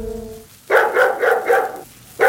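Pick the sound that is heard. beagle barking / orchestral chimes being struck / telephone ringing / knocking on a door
beagle barking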